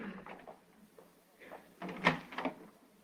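A door is opened to answer someone at the door: a few soft rattles and shuffles, then a louder clunk of the latch and a quick scraping swing, with no one speaking.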